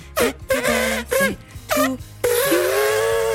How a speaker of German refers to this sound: Hoffen wir mal, dass das Tröten bis in Sarahs Wahlheimat Südfrankreich geschallt ist, denn da feiert sie heute.